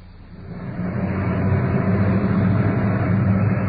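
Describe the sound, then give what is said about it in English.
A uniformed police car's engine rumbles in, growing louder over the first second, then holds a steady low drone as it arrives at a trouble call and parks out in front. No voices are heard. “Arriving on the scene at this trouble call is the uniformed car parked out in front.”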